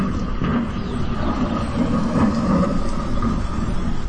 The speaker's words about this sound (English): There it goes again. Is that motorcycle real or fake? That was part of the path.